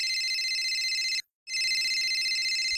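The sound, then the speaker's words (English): A telephone rings loudly in two long bursts of shrill electronic trilling, separated by a short silent pause, with no voices; the Australian PM is calling the president, Ronald Grump. “Well, the subs still hadn't shown up, so the current PM thought he'd better call the current president, Ronald Grump.”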